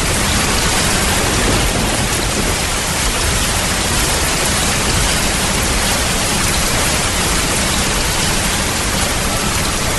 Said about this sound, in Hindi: वही आषाढ़ का दिन है, उसी तरह मेघ गरज रहे हैं, वैसी ही वर्षा हो रही है